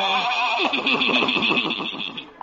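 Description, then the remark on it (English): The horse of Old Doc Yak Yak's horse and buggy whinnies, a loud, shaky neigh with a wavering pitch that trembles and tapers off over about two seconds, with no talking. “Old Doc Yak Yak and his horse and buggy. Whoa, children.”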